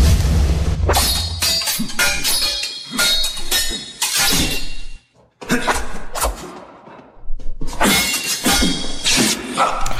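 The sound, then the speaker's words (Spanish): A rapid, irregular run of ringing metallic clangs of swords clashing in a duel from a film, loud bright strikes with a short pause near the middle and a low rumble at the start. “Esta película, en la cual también se basaron nuestros protagonistas de hoy, pues tiene que ver con duelos de espadas, como lo estamos escuchando.”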